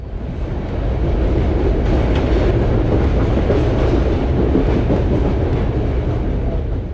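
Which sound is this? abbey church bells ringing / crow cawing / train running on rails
train running on rails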